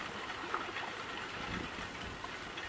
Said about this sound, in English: out here on the river in my little pink kayak.